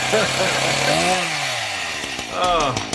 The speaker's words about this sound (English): Now we got a weed whacker in here.